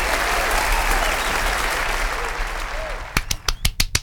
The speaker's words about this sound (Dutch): Ik kreeg weer applaus. Tuurlijk. Ja. Ja, applaus was, ja. Applaus was voor mij.